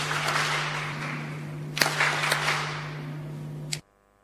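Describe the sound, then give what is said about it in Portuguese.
A crowd applauds steadily for the province of Nampula for several seconds, a dense wash of clapping with a few sharper claps standing out, over a low electrical hum, then it cuts off abruptly. “Peço palmas carinhosas à província de Nampula.”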